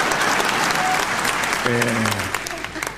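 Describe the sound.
Steady audience applause fills the whole stretch, a dense wash of many hands clapping, with a brief low voice murmuring underneath partway through.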